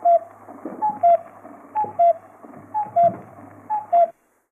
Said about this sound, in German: Der Kuckuck war ein Ruf, der die Bomber angekündigt haben im Zweiten Weltkrieg.